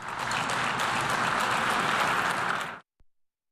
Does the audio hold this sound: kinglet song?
no